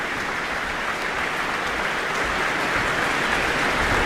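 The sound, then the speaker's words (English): Sustained applause from a large audience for an orchestra standing on its feet after a performance: a steady, dense wash of clapping that holds at an even, fairly loud level throughout, with no voices standing out. “Now the whole orchestra is on their feet to receive applause from the audience.”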